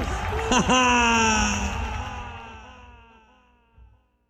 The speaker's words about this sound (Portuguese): o solteiro, dá um grito bem forte aí. E agora os casados.